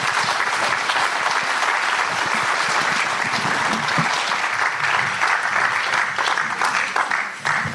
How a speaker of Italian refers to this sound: No, glielo fate un applausone